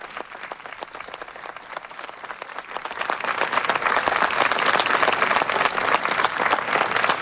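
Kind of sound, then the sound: crowd, applause from staff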